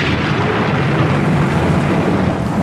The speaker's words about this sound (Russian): Громыхающая туча из конца в конец озарялась мутными вспышками, будто ее поджигали. Ослепила извилистая молния, упала близко в воду. Рвануло так, что люди на берегу присели.